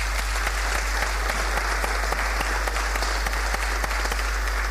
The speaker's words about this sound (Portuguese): Maria Fernanda Silvério Matos Duarte, que esteve ao serviço no setor de desenvolvimento habitacional, também não está presente por motivos pessoais, mas uma salva de palmas para ela também.